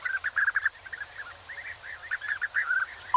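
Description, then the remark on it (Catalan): European bee-eater (Merops apiaster) song: a continuous stream of short, liquid, rolling trills and chirps, repeated in quick bursts, with no talking. “En aquest capítol heu escoltat el cant d'aquests ocells. Abellerol. Merops apiaster.”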